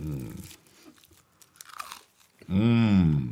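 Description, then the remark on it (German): Someone bites into toasted brioche with goose foie gras from Duperrier and chews with soft, uneven crunches, then lets out a loud, drawn-out hum of pleasure that swoops in pitch. “Das ist die beste Foie gras, die ich je gegessen habe.”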